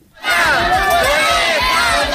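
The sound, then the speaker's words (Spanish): A loud crowd of parents in Dueñas shouting together in unison, a rhythmic protest chant with many overlapping voices, sustained throughout. The parents of more than 200 children are protesting on the first day of the school year, keeping the children out of class and hanging up their school bags. “Este ha sido el grito más escuchado en Dueñas por parte de los padres de más de 200 niños que este primer día de curso no han ido a clase y han colgado sus mochilas como modo de protesta por el cuarto año consecutivo”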